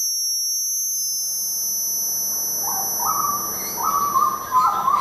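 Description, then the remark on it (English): A steady, piercing high-pitched ringing tone holds throughout, like ringing in the ears, while low rumbling and a few hooting, owl-like calls rise underneath toward the end. “Oh, now I can hear ringing, great.”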